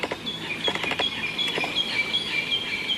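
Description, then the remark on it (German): Birds chirp and twitter in a forest of giant Douglas firs in a recreation area, with thin high calls repeating steadily over a soft ambient hiss of wind in the treetops, along with a few scattered crackling taps of footsteps on damp forest floor. No one speaks. “Wind weht durch die Baumkronen, Vogelstimmen sind zu hören und Schritte auf feuchtem Waldboden.”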